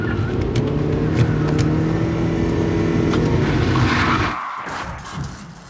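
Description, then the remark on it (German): A car engine drones loudly and steadily with a rising whine, then a harsh skidding screech bursts out near the end as the brakes fail and the engine noise abruptly cuts away. “Was ist los? Die Bremsen!”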